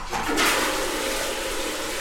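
A steady, continuous rush of shower water running as someone takes a shower, fairly loud, with a brief swell near the start before settling into an even hiss.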